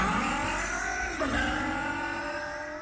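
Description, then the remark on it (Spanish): A four-stroke motorcycle engine revs loudly and steadily, its buzzing pitch dipping briefly and then climbing again as the throttle is worked, with no voices present. “Protección para tu moto de cuatro tiempos.”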